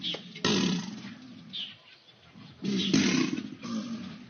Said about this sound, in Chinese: 天气闷热，雷雨将近，原本安静的扬子鳄突然发出一阵阵的吼叫声。 天气闷啊，感觉受不了的情况下他叫，这段时间他有可能是在找伴儿，找新娘子了。交配期的时候他也是通过叫声来求偶